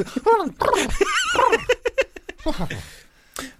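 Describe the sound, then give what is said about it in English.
A person imitates a dog with whiny, sliding yelps, then a quick run of short yaps, ending in a breathy, laugh-like whimper. “Impression of a dog.”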